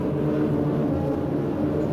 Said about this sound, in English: Once again, weather planes make a last-minute check.